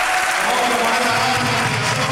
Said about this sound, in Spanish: Bueno, vaya aplauso. Mira los chicos, qué hermoso.